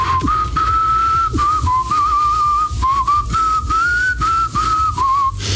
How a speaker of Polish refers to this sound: Polityk obiecał, że pokaże, jak gwiżdże podczas golenia.